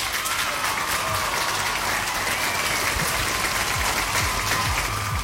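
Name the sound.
applause sound effect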